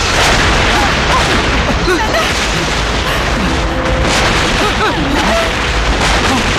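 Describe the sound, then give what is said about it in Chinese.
A heavy, continuous artillery bombardment at 12 o'clock, marking the start of the Communist army's general offensive: dense rumbling booms and blasts merge into one loud, unbroken roar that fills the whole stretch, with no clear gaps between the shots. “总攻，这是总攻的炮声。”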